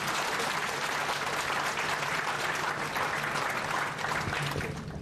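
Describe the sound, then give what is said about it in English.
A crowd claps steadily and loudly after a cultural performance, dense continuous applause for several seconds, with a faint low hum underneath and no one speaking. “Once again, let's give them the biggest round of applause.”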